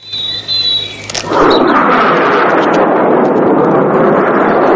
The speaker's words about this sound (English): A fighter jet.